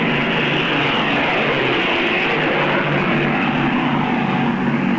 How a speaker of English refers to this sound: Now planes are going overhead.